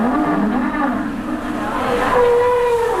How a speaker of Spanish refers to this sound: Oye, dicen que hace 14 grados, pero con este viento... La sensación térmica. La sensación térmica es menor. A ver el viento, cómo suena. Uf. Viento gélido. Gélido.